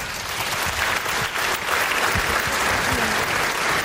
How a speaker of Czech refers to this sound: tak určitě ji ale teď zatleskáme. Dámy a pánové, Tereza Kostková.